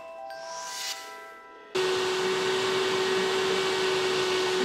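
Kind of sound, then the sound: household object, water-filter vacuum cleaner running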